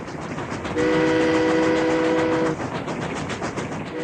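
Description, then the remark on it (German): A steam train rumbles steadily past, loud, and a sustained horn blast sounds for nearly two seconds early on before fading back into the rolling clatter. “Es gab da eine höchst aufsehenerregende neue Erfindung namens Eisenbahn.”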